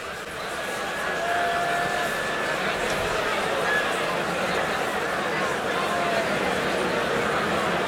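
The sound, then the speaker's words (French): A large festival crowd at La Route du Rock murmurs and chatters steadily while waiting, with several thin, high whistles drifting over the noise at intervals, some held for a second or two. “Et vous entendez le public de la route du rock qui siffle et qui attend.”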